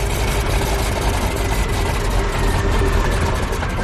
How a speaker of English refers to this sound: Is the prop clear? Prop clear. The variable pitch prop gave the D21 its lightning-fast climb speed. But if it's mishandled, the prop can overload and damage the engine.